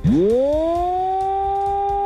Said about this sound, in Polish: W momencie ogłoszenia alarmu ten dźwięk, który jest dźwiękiem modulowanym, 3-minutowy, który się podnosi i powoli obniża. Podnosi, obniża.